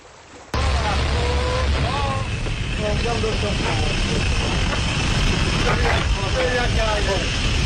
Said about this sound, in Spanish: Eso que escuchamos de fondo es una de las primeras inmersiones con batisfera que realizaron el naturalista William Beebe y el buzo Otis Barton, también en el mar de los Sargazos. 1930.